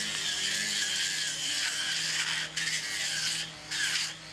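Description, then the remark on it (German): Chainsaws being warmed up before a chainsaw carving event, their engines giving a continuous, loud, high buzzing whine that swells and falls, with a couple of brief dips in revving, and no talking. “Die Kettensägen wurden vorgewärmt.”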